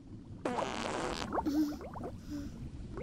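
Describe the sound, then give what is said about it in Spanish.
A loud, raspy fart-like burst lasting under a second, followed by a run of gurgling, upward-popping bubble sounds, as if air were released underwater. “¡Burbujas! ¡Qué asco!”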